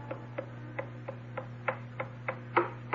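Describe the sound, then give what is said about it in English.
An old blind woman's cane taps down a hallway on a hard floor in a steady series of about ten sharp knocks, growing a little louder toward the end, over a constant low electrical hum. “It's the old blind lady's stick tapping down the hall.”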